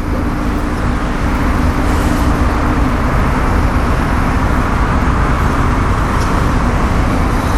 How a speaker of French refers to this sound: Je sais pas ce que c'est comme voiture mais elle a un bon pot d'échappement.